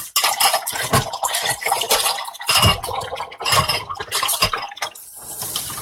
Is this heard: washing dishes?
yes